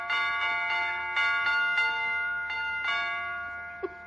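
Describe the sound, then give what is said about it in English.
A broken doorbell rings out a bright tune like Jingle Bells, repeated chimes with each note ringing and overlapping in a steady rhythm, fairly loud, with no talking, as someone arrives at the door. “Well, it's a little early, but I could swear that was jingle bells. That was somebody at the door.”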